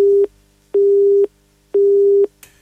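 A telephone busy signal after a call drops: three loud, steady low beeps of equal length, evenly spaced with half-second gaps, heard alone and ending with a faint click.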